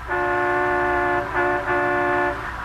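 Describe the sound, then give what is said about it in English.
A sightseeing bus horn in Washington, D.C. sounds in long, loud sustained blasts, briefly dipping and then honking again, over a low rumble of street traffic. No one speaks. “As we pick him up now, he's on a sightseeing bus, accompanied by his secretary, Miss Jean Livingston.”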